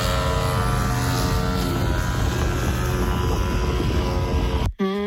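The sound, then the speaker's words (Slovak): A lawn mower runs loudly and steadily, its buzzing engine drone holding an even pitch, then briefly cuts out near the end before a rising tone returns. “To je kosenie trávy.”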